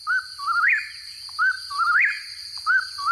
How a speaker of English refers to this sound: When eastern whippoorwills sing, they say their name. Whippoorwill, whippoorwill.